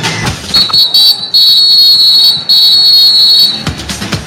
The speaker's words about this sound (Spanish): Muy bien, atención, otro delantero, va a sonar el pitazo del árbitro, el señor João Pinheiro. Atención, va a moverse el esférico, suena el pitazo y la segunda parte arranca.